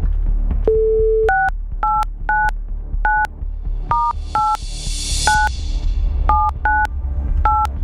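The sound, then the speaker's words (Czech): A phone number being dialed on Czech radio station Radio Blaník to call a contest winner: a short tone, then a quick irregular series of about a dozen two-note DTMF beeps, clear, over a low background hum with a brief hiss midway. “To se dozvíme, co nevidět a co neslyšet, protože já jdu volat a možná je to právě to vaše telefonní číslo, které teď vytočím.”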